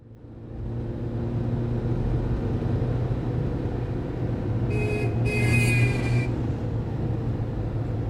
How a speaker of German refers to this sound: Sarah hupt nicht. Sie blickt auf die Uhr, die mit der Frontscheibe verschmolzen ist, und dann wieder auf die Autos vor ihr, die sich im Feierabendverkehrschaos auflösen.